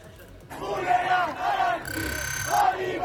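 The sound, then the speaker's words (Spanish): A large crowd of hundreds of people protesting in the streets of Tehran, Iran, against a possible pact with the United States, chants and shouts together in loud, rising waves, voices overlapping in a rhythmic protest cry, with a steady high electronic whine cutting in briefly near the middle. “Pero este es el sonido de las calles de Teherán.”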